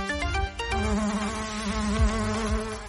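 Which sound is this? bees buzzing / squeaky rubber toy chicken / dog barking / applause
bees buzzing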